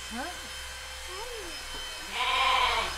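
A young bottle-raised lamb named Bernadette bleats: a few short, wavering cries at first, then a louder, longer quavering bleat near the end.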